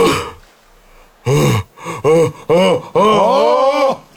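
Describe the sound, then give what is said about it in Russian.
A long, exaggerated human yawn: a breathy intake, then several stretched, groaning vocal bursts ending in a drawn-out moan, loud with no other sounds. “А вот теперь зевок металлурга.”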